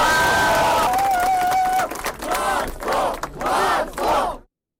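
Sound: crowd cheering and applauding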